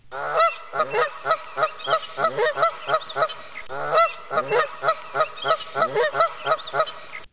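Canada geese honking repeatedly in a loud, uneven chorus of nasal, harmonic calls, several birds overlapping in quick bursts with no talking.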